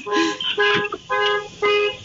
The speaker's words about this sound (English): I do hear a beeping sound. Yes, someone's car alarm is going off somewhere. It's not me.